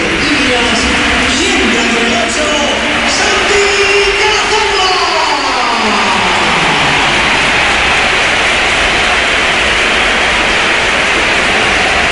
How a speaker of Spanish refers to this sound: y esta es la ovación que le ha dedicado el Bernabéu, que ha sido espectacular también cuando entraba el jugador del Oviedo.